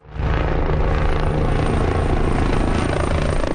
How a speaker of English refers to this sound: A helicopter water bombs flames in the central town of El Tiemblo.